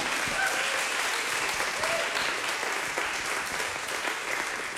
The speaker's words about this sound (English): You can applaud for that if you'd like.